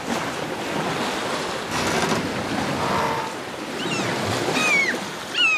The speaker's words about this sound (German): Natürlich hat man da dieses Windgeräusch ganz, ganz stark und es ist schwer, die anderen zu verstehen, weil der Wind eben so laut ist.